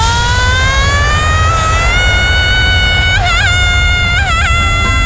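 A person lets out a long, sustained high-pitched scream while launched upward on the Space Shot ride at Tusenfryd amusement park; the scream slowly climbs in pitch and wavers near the end, over a constant loud roar of rushing wind and ride noise.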